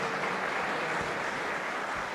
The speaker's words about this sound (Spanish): Le damos un fuerte aplauso al Rey antes de comenzar.